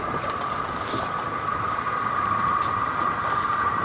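A boat motor drones steadily as the vessel moves across the water, a constant hum with a whooshing wash of spray beneath it and no voices.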